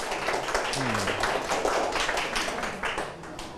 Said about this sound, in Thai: ถูกต้องครับนักเรียนนะครับปรบมือให้กับเพื่อนด้วยนะครับ